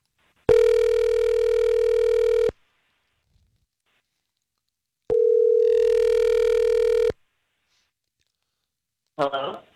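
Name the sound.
telephone dialing and ringing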